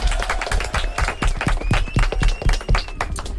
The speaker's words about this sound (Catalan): Uau! Vinga, un aplaudiment!